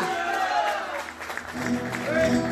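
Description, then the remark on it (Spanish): Steady audience applause fills the whole stretch as farewell applause for a performer, a dense clatter of clapping with voices calling out and a tonal, musical layer rising over it toward the end. “Qué bueno, vamos a despedirnos con un aplauso grande.”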